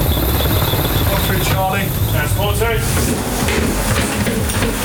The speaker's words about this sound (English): In the early hours of this morning, British armed forces used a helicopter to board a Russian tanker in the English Channel.